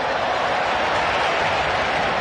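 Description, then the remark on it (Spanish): A dense, steady wash of stadium crowd applause as the Argentina team is presented, applauding player Paredes, thousands of hands clapping into a continuous hiss with no distinct claps standing out, holding at an even level throughout. “Aplauso para Paredes.”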